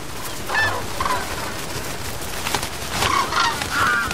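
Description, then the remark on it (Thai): Tens of thousands of migratory birds wintering at an estuary wetland on the eastern side of an island in late autumn honk repeatedly, their nasal, mid-pitched calls coming in short irregular bursts over a steady wash of background noise, with several birds overlapping toward the end. “แต่พอถึงช่วงปลายฤดูใบไม้ร่วงที่นี่จะกลายเป็นศูนย์กลางการคมนาคมที่พลุกพล่านนกอพยพนับหมื่นมาที่นี่เพื่อใช้เวลาช่วงฤดูหนาวเสียงร้องของนกอพยพดังก้องไปไกล”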